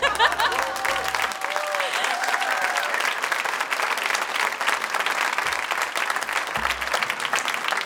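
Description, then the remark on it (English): A large crowd at a festival concert claps and applauds steadily for several seconds, a dense, continuous wash of hand claps, with faint cheers and a few voices rising through it near the start. “You want to clap, yeah?”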